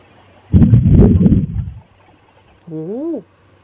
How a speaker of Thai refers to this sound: นี่คือเสียงของฟ้าที่ผ่าลงมานะคะให้คุณผู้ชมดูภาพจากกล้องวงจรปิดก่อน